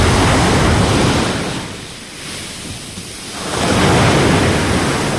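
Loud, rough surf roars onto a beach, a broad wash of crashing water that briefly eases in the middle before another heavy wave surges back in, close and with no voices.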